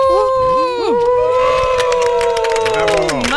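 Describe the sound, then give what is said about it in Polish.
A few voices in the Radio Warszawa studio cheer together as a priest blows out candles for the station's 35th anniversary, loud, sustained whoops and cries rising and falling in pitch over about three seconds, with scattered clap-like bursts mixed in. “To co, damy jakiś doping poproszę, tak żeby nasi słuchacze słyszeli.”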